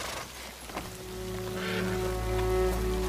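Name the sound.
rain falling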